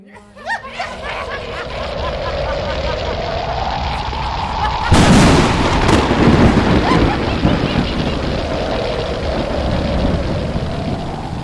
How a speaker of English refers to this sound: There was a loud thunder and crackling lightning as the forces of destruction were sent towards Guru Tegh Bahadur and the Sikhs